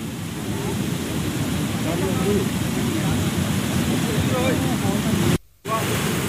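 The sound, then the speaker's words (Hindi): A loud, steady roar of rushing floodwater from swollen rivers and streams during flash floods after continuous rain in Rajouri fills the scene, constant, with faint voices underneath and a brief dropout near the end. “नदी नाले पूरी तरह से उफान पर हैं और फ्लैश फ्लड और ज्यादा मुश्किलों को बढ़ा देता है।”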